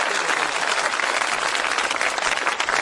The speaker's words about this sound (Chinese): 您说像您这么没皮没脸的跟观众直接要掌声，观众好意思不给你鼓吗？